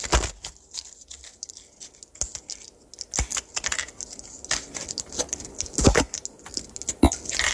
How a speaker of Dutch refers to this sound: Ik, die bezig ben mijn medicatie uit te zetten. Oh, ik dacht dat die pinda's aan het eten was. Ja, dat dacht ook zoiets.